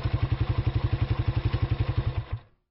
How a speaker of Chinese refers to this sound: 哎，这发动机怎么突然熄火了？